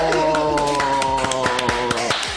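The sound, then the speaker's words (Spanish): Applause in clear, sharp, steady claps over a sustained musical tone that holds throughout, given on the program Soplando Vida TV, also heard on the radio. No one speaks. “¡Fuerte el aplauso!”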